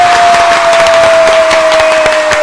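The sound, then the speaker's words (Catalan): Loud, dense applause from a studio audience as a presenter enters the studio, many hands clapping in a steady wash with scattered sharper claps, plus a faint steady high tone running underneath throughout. “que fa la seva entrada a l'estudi amb l'aplaudiment de tot el públic aquí assistent.”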